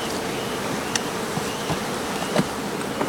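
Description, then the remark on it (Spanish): Bees buzz steadily in a dense, continuous drone, with a few brief louder passes as individual insects fly near, as the colony begins overwintering with a reduced population. No one speaks. “¿Se pueden ver? Con la abeja.”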